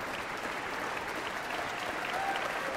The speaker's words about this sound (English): More cheers. The audience here in Marian Anderson Hall clearly loves to hear these players out in front of their colleagues and just doesn't want to let them go.